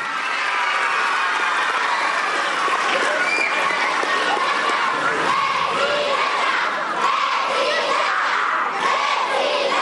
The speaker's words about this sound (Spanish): Y pues ahora sí, niñas y niños, papás, mamás, presentarles a la mujer que nos llena de orgullo a las y los mexicanos. Recibamos con un fuerte aplauso a la presidenta, doctora Claudia Sheinbaum Pardo.